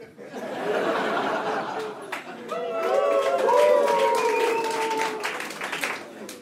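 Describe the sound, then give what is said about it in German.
A crowd cheers and whoops for several seconds, with rising shouted voices and some clapping and laughter mixed in, swelling in the middle before easing slightly at the end. “Euer Herrscher. Jubel!”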